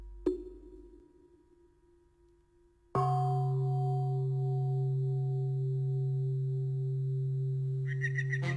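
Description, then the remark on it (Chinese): The morning bell of Qingyun Temple at Dinghu Mountain, heard from far away: a deep temple bell rings out, a soft first strike fading slowly, then a fuller, louder toll that hums on steadily with a long resonant drone and no voices. “你听，这钟声像是从很远的地方传来的。 啊，那是青云寺的晨钟，咱们啊就从这儿开始，一步步走进鼎湖山。”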